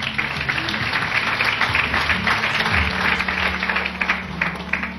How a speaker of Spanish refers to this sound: Damos fuertes palmas al que vive.